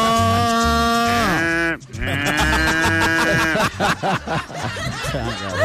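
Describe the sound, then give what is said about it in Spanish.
A loud, drawn-out imitated cow moo, followed after a brief pause by more warbling animal cries, all over a steady thumping beat from a street vendor truck's loudspeaker. “Ahora se modernizaron, ¿no? Porque le ponen sonido de vaca, animales.”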